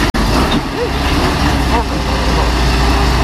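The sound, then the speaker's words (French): A heavy truck's engine rumbles loudly as it maneuvers on a village street, with a single sharp knock at the start as the truck strikes a municipal street lamppost, and faint voices in the background. “Le poids lourd, on l'entend, touche même un lampadaire de la commune.”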